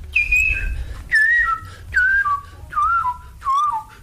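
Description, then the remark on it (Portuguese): A person whistles an imitation of the song of a bird from Brasília with an odd scale: five short repeated phrases, each a clear tone that steps down in pitch, evenly spaced, fairly loud, with a low rumble underneath. “Tinha um pássaro em Brasília que tinha uma escala maluca, assim, porque ele fazia esse efeito.”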